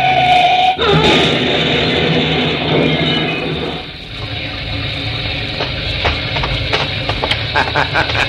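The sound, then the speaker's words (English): An armored truck crashes off the road toward big trees and splits wide open: one sharp, loud impact near the start, followed by a sustained roaring rumble scattered with crackling and clattering bursts, with no one speaking. “That armored truck cracked up just the way I said it would.”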